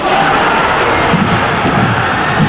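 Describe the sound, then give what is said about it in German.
A large crowd of fans at a public viewing fan zone roars in a dense, steady wall of voices, groaning and shouting together, sounding dismayed rather than celebratory, as the Swiss team concedes an overtime goal in an Ice Hockey World Championship match. “ich nicht gewusst, dass die Enttäuschung so laut kann tönen. Aber lass mal, hier sind wir im Public Viewing gewesen, in der Fanzone.”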